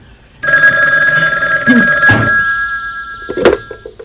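An old-style telephone bell rings in one continuous, bright metallic trill, with a couple of soft clunks and knocks toward the end as the ringing fades slightly.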